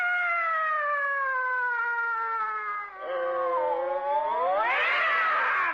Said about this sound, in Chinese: 干嘛猫打架呀